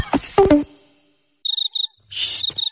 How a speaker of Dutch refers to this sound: Luister. Hoor je het ook? In juni kunnen zelfs de krekels niet zwijgen over de Citroën Summer Deals.